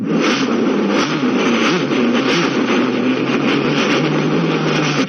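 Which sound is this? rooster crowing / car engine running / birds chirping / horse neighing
car engine running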